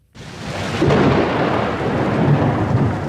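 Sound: pattering rain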